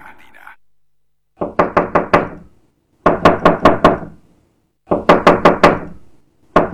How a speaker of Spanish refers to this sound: ¿Están golpeando la puerta? Me parece que están golpeando.